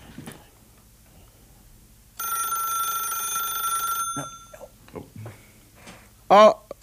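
A steady electronic telephone ring sounds for about two seconds, loud, then cuts off, followed by a few brief, scattered noises and a short burst at the end; phones at radio station KFFR ringing with donation calls.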